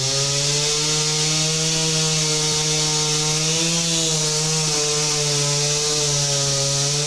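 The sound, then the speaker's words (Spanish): A chainsaw runs loud for several seconds, its engine droning steadily with slight dips in pitch as it cuts into a huge fallen tree that had blocked a road for over three hours. No voices are heard. “Con ayuda de motosierras retiraron el enorme ejemplar que bloqueó la vialidad por más de 3 horas.”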